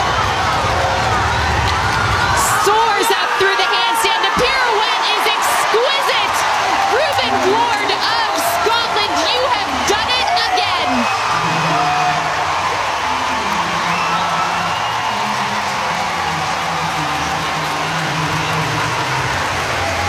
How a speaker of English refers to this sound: The crowd absolutely overjoyed by the work of this young man.